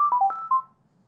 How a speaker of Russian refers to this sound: Будильник. Включен. Будильник зазвонит через менее минуты. Будильник сработал.